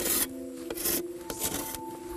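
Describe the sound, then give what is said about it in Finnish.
A saw blade scrapes across a surface in quick, repeated rasping strokes, about four or five in two seconds, fairly loud, with a faint steady hum underneath, as the surface is cleaned off with the saw. “Sitten sahalla putsaus.”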